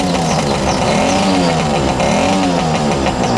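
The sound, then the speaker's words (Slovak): A motorcycle engine revs loudly, its pitch rising and falling in repeated surges over a steady throaty rumble, with no one talking. “Pozrite na toho motorkára, čo ide k svojej mašine.”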